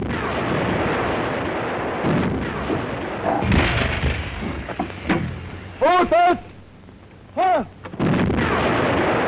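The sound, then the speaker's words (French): A battery of six heavy 155 mm artillery guns fire in a series of loud, booming blasts, with broad rumbling bursts and a couple of rising-and-falling whistling shrieks in between, intense throughout. “détruisent la batterie Goebbels, constituée de 6 canons de 155”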